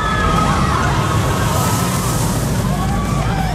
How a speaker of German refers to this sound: Ganz genau, auf unsere Gewinner-Achterbahn. Wenn ihr die hört, dann heißt es ganz schnell anrufen